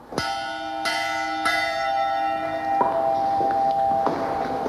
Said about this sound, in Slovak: Dovolte, aby sme si priblížili zvuk zvona z 15. storočia.